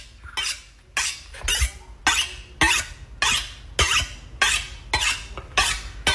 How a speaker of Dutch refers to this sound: Het slijpen van een mes. Ja, wat je zo aan het slijpen bent.